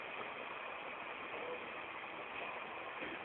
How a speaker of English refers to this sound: I think the resonance comes from the sudden noise of the train overhead, followed by the sudden silence after it leaves. It's 31st Street.